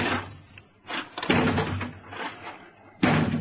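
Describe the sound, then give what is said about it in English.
A door is battered by heavy, booming blows at uneven intervals, about three loud impacts with rattling resonance between them, with no voices. “That door won't hold long.”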